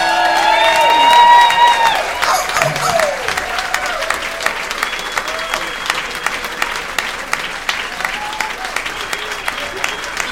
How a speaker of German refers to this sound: Begrüßet mit einem Wahnsinnsbeifall Heiko Volz und Volker Lang, die Originalstimme vom Äffle und Pferdle.